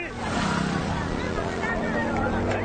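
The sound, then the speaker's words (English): Motorbike engines drone steadily, their low hum running continuously beneath a busy murmur of crowd voices for the whole few seconds. “Motorbikes are widely used in rural areas across Africa to move people and their goods.”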